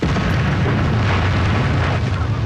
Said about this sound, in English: Poppy takes me up to a hill to see what's known as the Loch Nagar crater. This is where, on the first day of the battle, the British army detonated a huge explosion. The aim was to confuse the enemy as British soldiers attacked.